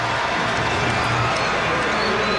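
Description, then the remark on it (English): A baseball stadium crowd of Reds fans gives a steady, modest cheer as an ejected person heads into the third base dugout, a dense wash of many voices at moderate loudness that holds evenly for a couple of seconds with no single voice standing out. “And now he will head into the third base dugout to a bit of cheering from the Reds faithful.”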